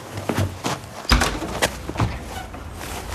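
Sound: door opening and closing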